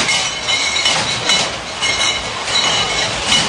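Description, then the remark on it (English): Many beer mugs clinking together at the opening day of Oktoberfest in Munich, Germany, in a loud, continuous clatter, bright ringing glassy tones overlapping densely for several seconds without a pause, with no clear speech. “Oktoberfest is kicked off today in Munich, Germany, with many mugs clinking.”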